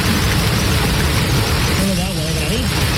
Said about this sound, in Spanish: una lluvia acompañada incluso de granizo que sorprendía así a los vecinos.